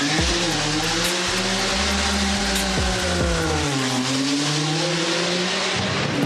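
Race car engines roar loudly as the cars launch off the starting line of the hill climb at Goodwood at full speed, some making smoke for show, revving hard with rising and shifting pitches that overlap, over a constant wash of crowd and track noise; no one speaks.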